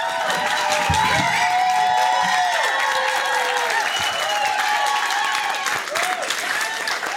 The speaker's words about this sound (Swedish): Underbart med applåder